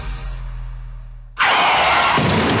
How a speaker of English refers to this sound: Oh, for Barry's sake. That didn't sound good. But fortunately for you, one call will fix it all. Hello? I've stacked my car.